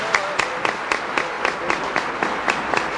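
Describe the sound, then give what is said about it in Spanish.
An audience applauds steadily for Christ Jesus, many hands clapping at once in a dense, bright wash, with sharp rhythmic claps standing out at a regular beat, no voices heard. “Un aplauso para Cristo Jesús. Más fuerte, más fuerte.”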